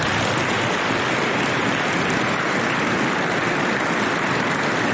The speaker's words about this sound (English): Please join me in a round of applause for the Dragoon families.